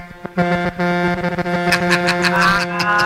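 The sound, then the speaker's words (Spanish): A truck horn in New Jersey blares in one long, steady honk lasting nearly three seconds, loud and brassy with a low, buzzy pitch and rich overtones. “Tócame la bocina otra vez.”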